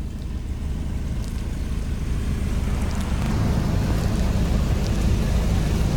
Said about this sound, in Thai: เกิดความวุ่นวายเพราะกระแสน้ำเข้าทั่วบ้านพักและห้องแถวริมถนน คือรถบางคันขับผ่านด้วยความเร็วอะค่ะทำให้คลื่นน้ำมันซัดเข้าไปบ้านที่อยู่ริมทาง